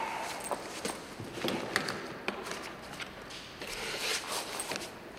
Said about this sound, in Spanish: El doctor abre la cartera y guarda sus papeles.